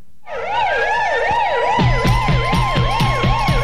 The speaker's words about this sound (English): Yeah, there's some sirens in there. I think that's it. I think towards the end, yeah.